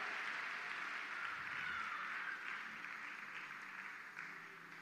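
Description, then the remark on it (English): Steady crowd applause for Dr. Leif Hetland after his preaching, a dense wash of many hands clapping at once with no distinct beats, holding at a fairly even level throughout and easing off slightly near the end. “Can we just give another round of applause for Dr. Leif Hetland for that incredible word?”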